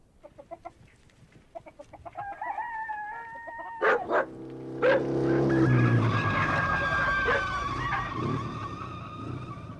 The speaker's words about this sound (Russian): он привез на своем казенном мотоцикле к избе Касаткиных телеграмму